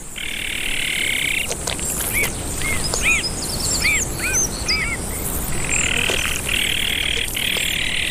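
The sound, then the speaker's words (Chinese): Azure-winged magpie calls as the father bird returns to care for the nestlings with the mother: a run of short, arched, mid-pitched notes in quick succession, set against a steady buzzing chorus that fades in at the start and returns toward the end. “蓝尾灰喜鹊爸爸也回来了，他开始和妈妈一起照料雏鸟。”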